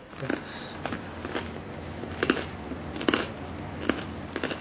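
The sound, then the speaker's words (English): Crunching as someone bites into a crusty bread sandwich made with chicken-free mock chicken, a string of crisp, irregular crackles spread over several seconds with quiet chewing between them and no talking. “Well, the bread is crunchy.”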